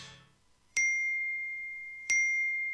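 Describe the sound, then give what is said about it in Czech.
Two bright phone message notification dings, about a second and a half apart, each a sharp chime with a clear ringing tone that lingers, as messages arrive from many people. Loud, with no talking over them. “Čekaj, čekaj, eksplodirat će mi telefon. Svi mi nešto javljaju.”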